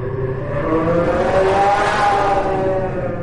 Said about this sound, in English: So does a Fisker Karma sound like George Jetson's car? You remember that. Or maybe it's like one of those police cruisers in Blade Runner.